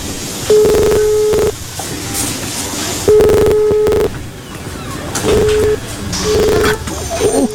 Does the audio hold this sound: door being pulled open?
no